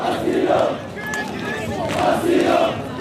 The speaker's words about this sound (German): dirigiert die Sprechchöre